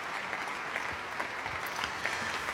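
Sustained applause with bravo shouts from a large concert audience in the Plechelmus Basilica in Oldenzaal at the Stift Festival, after Pēteris Vasks' second cello concerto, Presence. A dense steady patter of many hands clapping, lasting minutes with no break.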